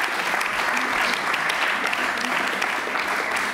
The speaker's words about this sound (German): Und ich glaube, das ist auch heute mal ein Applaus für den stenografischen Dienst wert.